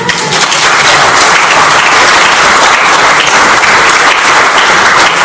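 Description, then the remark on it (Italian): An audience applauds steadily, a dense wash of many hands clapping at a loud, even level for several seconds, with no voices standing out. “il divertimento nostro e di chi legge questo libro, vi assicuriamo, è stato grande e quindi meritano un applauso.”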